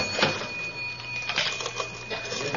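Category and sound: machine, cash register being opened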